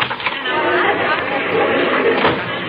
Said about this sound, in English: My, my. Sounds like a tremendous crowd out there, dearie. Should ought to be, the promotion work I done on it.